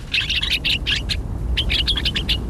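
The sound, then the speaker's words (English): Gray-crowned rosy finch calls: a rapid run of high, buzzy chirps, a short pause, then another quick burst, heard over a steady low rumble of wind-like noise. “The gray-crowned rosy finch nests in rocky crags at higher altitudes than almost any other North American bird.”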